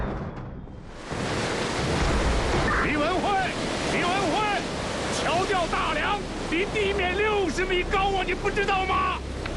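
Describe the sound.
A force-nine gale roars over the sea, a loud, continuous rush of wind and surf that surges in after a brief quiet, with voices calling out faintly through the din.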